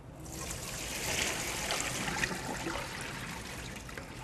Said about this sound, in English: Okay, now we're going to thoroughly wash our spinach. Rinse them through cold running water. Okay, so you want to gently toss the spinach around in the water, and then we're going to strain it.